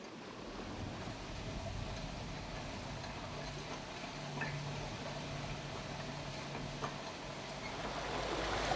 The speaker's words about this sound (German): Wasser fließt.